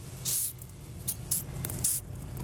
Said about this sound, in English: Why are you so upset about your cockroach hissing at you?